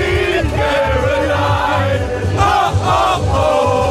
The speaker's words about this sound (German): Und ich könnte jubeln, so wie Deutschland gestern beim haushohen Sieg gegen Curaçao gejubelt hat.